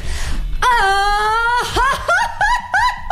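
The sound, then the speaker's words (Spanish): A single voice lets out a loud mariachi grito in a quick shouting contest: a long, high sustained yell that breaks into a string of quick, rising, yelping whoops, alone with no talk. “vamos a hacer un concurso rápido de gritos de mariachi”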